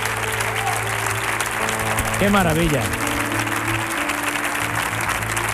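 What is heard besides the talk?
audience applause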